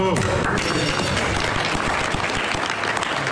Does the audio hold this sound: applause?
yes